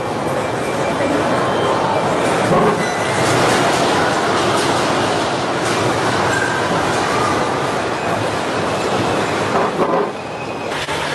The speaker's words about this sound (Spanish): ¿Está temblando? Está temblando. Ay, mira.